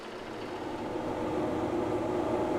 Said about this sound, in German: Das ist der Trecker vom Saalhusener Bürgermeister. Am Ende von seinem Acker liegt unsere Luftlinie.